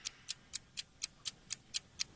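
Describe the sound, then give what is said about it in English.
A game clock ticks steadily during a quiz game, nine crisp, sharp ticks about a quarter second apart, fairly quiet with no voices over it. “Start the clock.”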